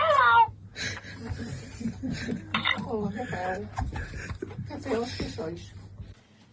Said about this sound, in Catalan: Mira, voleu sentir el lloro?